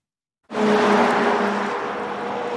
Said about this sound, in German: Ein Auto nach dem anderen rauscht an ihnen vorbei. Erlaubt ist hier Tempo 100.